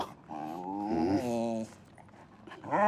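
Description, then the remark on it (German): A detection dog that has just indicated pyrotechnics hidden at a desk during a search gives a drawn-out, wavering whine-like vocalization lasting over a second, then starts another rising one after a short pause. Clear, with no talking. “Der Hund kam in der Grobsuche zu dem Schreibtisch, wo die Pyrotechnik versteckt ist, hat sicher angezeigt, passiv, besser geht's nicht.”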